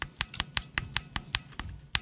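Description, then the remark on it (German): A steady series of soft presses on a keyboard with oiled mechanical key switches, about ten muted clicks at an even rhythm, each a short, dampened thock with little sharp rattle, alone with no talking. “Und dem gegenüber stehen dann Tastenschalter, die eben zum Beispiel geölt sind.”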